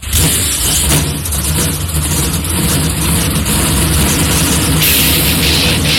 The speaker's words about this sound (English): On behalf of everyone at the University of Northwestern Ohio and Ohio Logistics, for the NASCAR fans and those who have protected us for 250 years, it's Bristol, baby! Drivers, start your engines!